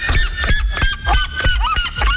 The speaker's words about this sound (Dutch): Klinkt meer als een aap. Oh, de kuifsterima en de naaktkeel lokvogel. Tussen de 120 en 130 dB. Wow. Zo hard als een kettingzaag op 20 meter afstand nog te horen.